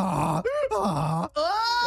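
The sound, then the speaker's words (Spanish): A person imitates a donkey's bray with loud, strained hee-haw tones that alternate between a low groaning pitch and a higher rising whine, repeated several times in quick succession. “You can do a good donkey one.”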